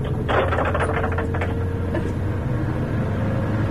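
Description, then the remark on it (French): A car window winds open with a faint mechanical whir and a few soft clunks over the steady low rumble of the vehicle; no one speaks. “Attendez, j'ouvre la fenêtre.”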